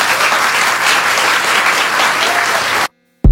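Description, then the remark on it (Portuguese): A crowd applauds steadily to welcome two guests onto the stage. The dense wash of clapping holds at an even loudness for about three seconds, then cuts off abruptly into silence before a brief burst of another sound. “Para o aplauso de vocês.”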